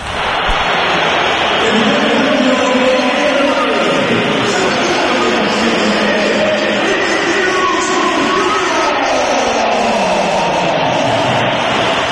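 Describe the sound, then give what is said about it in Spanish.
A large stadium crowd at the Bernabéu whistles loudly and continuously at a substituted player leaving the match, a dense wall of shrill whistling and roar that holds steady for the whole stretch with no voices standing out. “Vamos a oír los pitos también a Vinicius cuando se iba del partido”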